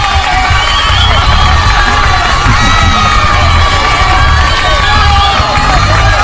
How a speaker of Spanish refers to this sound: Allá, pues, los aplausos, me flaca, no se me queda.